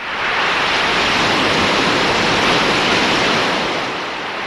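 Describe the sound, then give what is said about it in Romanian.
A large concert audience applauds, a dense, steady roar of many hands clapping that stays loud throughout and eases off slightly at the very end, with no voices. “Și după cum au auzit, sunt într-un concert și sunt multe, multe aplauze.”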